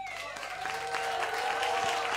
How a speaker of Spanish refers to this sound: Un aplauso muy fuerte